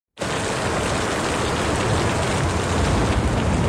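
Steady, heavy rain starts abruptly and keeps pouring at an even, loud level, a dense hiss of countless drops with no voices or other sounds.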